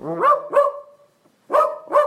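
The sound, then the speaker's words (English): An AI app-generated dachshund dog voice barks four times in two quick pairs separated by a short pause, fairly loud, with no one talking. “we have three dog voices to choose from. Chihuahua, Golden Retriever, ooh. Or a Dachshund.”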